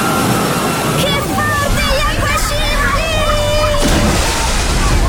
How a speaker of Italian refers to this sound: Il relax delle piscine termali. Il divertimento della piscina ad onde, ne arriva un altro!